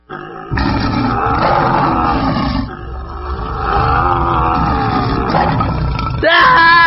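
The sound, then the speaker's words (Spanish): A tiger roars loudly and continuously for several seconds, a deep, rumbling growl, ending with a sharp, higher-pitched cry. “¡Ah! ¡Amigo tigre!”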